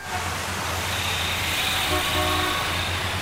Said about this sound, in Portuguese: Trânsito.